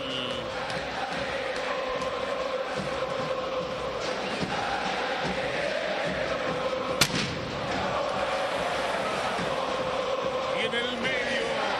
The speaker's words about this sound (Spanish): Fuegos artificiales del humo de color blanco y rojo.